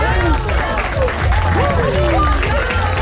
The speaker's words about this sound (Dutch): Dik applaus voor jou, man.